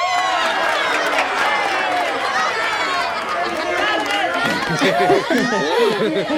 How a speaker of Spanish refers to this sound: ¡Esa es una ovación! ¿Quieres escuchar una mejor?